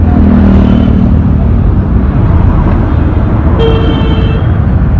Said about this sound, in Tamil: சரிம்மா, பாத்து வா, வண்டிங்கள மேலேயே விட்டுருவாங்க போல இருக்குது பஸ் ஸ்டாப் போறதுக்குள்ள. என்னென்ன காது பிஞ்சிடும் போல இருக்கு, இப்படி ஹாரன் அடிக்கிறாங்க, பா கேட்கவே ஒரே கடுப்பா இருக்குனே.